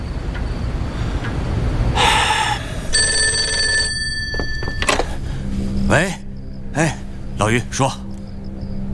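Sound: telephone ringing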